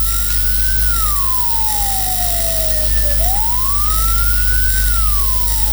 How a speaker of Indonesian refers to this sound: Bunyi yang keempat frekuensinya paling lambat dan unik yang berarti mobil ambulans sedang membawa jenazah.